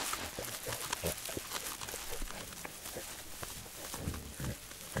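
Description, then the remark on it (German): Corsican pigs in Corsica grunt and snuffle in a steady, busy stream of short low calls, mixed with constant rustling and crunching, with no one talking. “Nur die korsischen Schweine konnten sich hier Winterspeck anfressen.”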